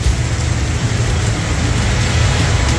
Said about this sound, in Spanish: Uy. Qué buen registro igual de tormenta eléctrica de ese Linares, sin duda.